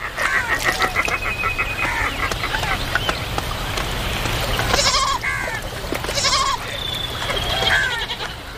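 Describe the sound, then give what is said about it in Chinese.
Several wild goats that have come to a river to drink bleat in short, wavering calls spaced a second or so apart, over a constant rushing background noise. “丰盈的河流不仅滋养了鹈鹕，野山羊等其他动物也会时常来到这里饮水。”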